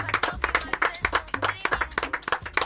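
Brisk, rhythmic clapping at a steady, quick pace, close and fairly loud, with a low bass-driven musical backing underneath and no talking.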